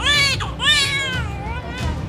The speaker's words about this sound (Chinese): 令医生们高兴的是，刚出生的二宝马上发出响亮的啼哭。